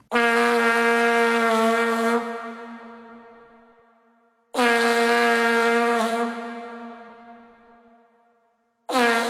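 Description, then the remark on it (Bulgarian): A vuvuzela blares in two long, buzzing monotone blasts, each loud at first and then fading away, before a third blast begins at the very end. No one speaks. “Понеже от тогава не съм чувал някой да надува вувузел, нека да си припомним как звучи този не съвсем музикален инструмент.”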